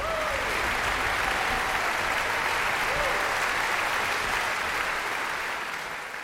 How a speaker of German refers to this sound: Großer Applaus in Bad Kissingen für die Tschechische Philharmonie.